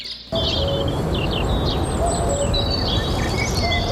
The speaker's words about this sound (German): Es geht um Vögelchen bei Ihnen im Garten unter Umständen, die da gerade eben sind, die Sie hören, die Sie wahrnehmen, die Sie sehen.